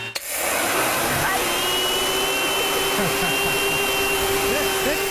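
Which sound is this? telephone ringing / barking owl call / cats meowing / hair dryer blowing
hair dryer blowing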